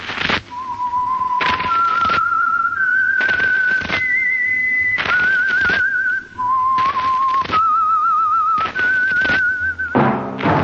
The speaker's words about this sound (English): That whistle is your signal for the Signal Oil program, The Whistler.